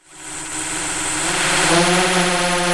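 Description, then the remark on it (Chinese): A field-patrol drone's rotors spin up and hold a steady, buzzing whine with layered tonal hum, loud, swelling slightly as it climbs into the air to survey rice fields for growth, weeds and water shortage. No voices are heard. “另一套巡田无人机上了天，水稻长势，哪里长草，哪里缺水，飞一圈全看清了。”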